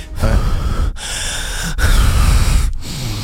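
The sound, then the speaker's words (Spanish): A voice imitates heavy, raspy breathing, as if the coming World Cup were breathing in one's ear, three long breaths with brief pauses between them and no other sound. “Como que ya nos respira aquí en la oreja, ¿no? Ya nos está respirando.”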